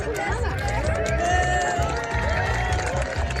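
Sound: crowd cheering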